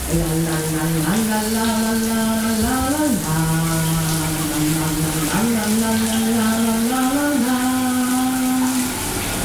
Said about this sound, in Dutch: Tijd om het douchegordijn te gaan sluiten, want we willen het niet zien natuurlijk. Daar gaan we. De kraan die gaat aan